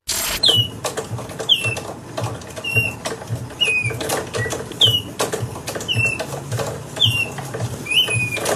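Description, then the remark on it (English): A hand-cranked mechanical bird, a $15,000 art piece made to hang on the wall, sounds off: high, squeaky chirps repeat roughly once a second over a continuous rattling, clicking mechanism, with no voices. “you turn a handle, and then the bird makes bird noises.”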